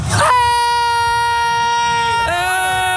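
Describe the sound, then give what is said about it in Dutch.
A woman from Utrecht lets out a long, loud, high-pitched scream into a microphone, holding a steady shrill note for about two seconds before it cracks and shifts higher near the end. “Maar dat is een gil, die breekt de gezelligheid.”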